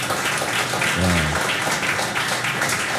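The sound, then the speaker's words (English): An audience applauds a musician steadily and fairly loudly from start to finish, a dense wash of clapping with a brief low hum or whoop rising above it midway. “A round of applause for that.”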